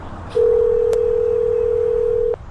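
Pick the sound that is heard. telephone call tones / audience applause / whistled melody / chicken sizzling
telephone call tones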